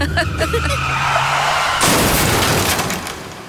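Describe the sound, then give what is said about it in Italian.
Tires squeal in a long, loud skid, then a sudden heavy crash of impact, followed by a rumbling wash of debris and noise that slowly fades. “Ogni anno, migliaia di minori sono coinvolti in incidenti stradali.”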